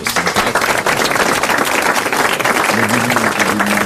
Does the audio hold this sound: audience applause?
yes